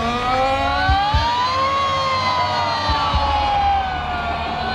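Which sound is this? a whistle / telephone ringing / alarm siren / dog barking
alarm siren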